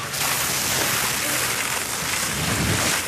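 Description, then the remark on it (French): Firefighters' hose sprays a thick white foam onto a tree trunk to smother the fire, in a loud, steady rushing hiss that fills the whole three seconds without a break. “Les pompiers arrosent le tronc avec une épaisse mousse blanche.”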